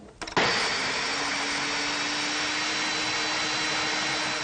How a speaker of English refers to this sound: Once again, go back to our blender. Make sure everything comes to the bottom so we can blend this well. And here we go.